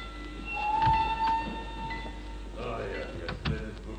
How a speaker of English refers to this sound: The train arriving at platform 2 is for passengers to Béziers, Montpellier, set Palavas and Flore. Platform 2. The train is entering the station.